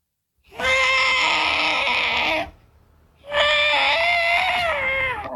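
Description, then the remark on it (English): A voice imitates the trumpeting call of an elephant with its foot trapped in a hole, calling out for help, with two long, loud, brassy blasts separated by a short pause, the second wavering slightly in pitch. “What about an elephant that gets his foot trapped in a hole and he's calling out for help?”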